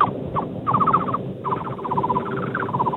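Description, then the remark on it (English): A person mimics a thrush-like bird call, producing three quick bursts of rapid, chirpy trilled notes, fairly loud, with no talking. “It could be like a thrush, if I had to guess.”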